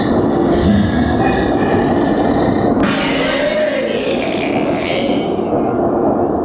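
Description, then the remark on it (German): A train rumbles steadily along its rails, a dense low roar with faint high metallic tones fading in and out above it, continuous and loud throughout. “Ein großes Spinnennetz versperrte der Bahn den Weg. Der Zug hielt an.”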